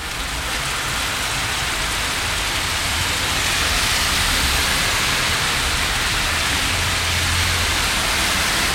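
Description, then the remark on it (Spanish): A heavy downpour roars steadily, a dense, constant hiss of rain pounding surfaces, loud and unbroken throughout with no voices. “Este es un pulso súper fuerte de agua.”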